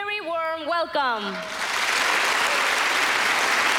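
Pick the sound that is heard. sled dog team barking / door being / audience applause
audience applause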